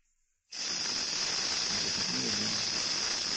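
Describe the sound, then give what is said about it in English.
After a brief silence, a rattlesnake's dry, high rattle and hiss starts abruptly and holds steady: a loud, continuous buzzing sizzle that lasts to the end without a break. “Well, I can't sit here and watch that rattler strike you.”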